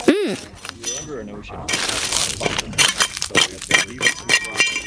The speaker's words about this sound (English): The rocks break up with walking on them, tractors, water comes in and breaks them up. And of course, we use our hammers and break the rocks up into small pieces to try and find the fossils hidden in between the layers.